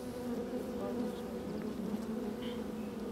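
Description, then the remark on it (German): A steady, dense drone of many honeybees buzzing inside a hive, a continuous hum with no pauses and no voices. “Im Sommer besteht ein Volk aus rund 40.000 Bienen. Jeden Tag schlüpfen hunderte neue Arbeiterinnen.”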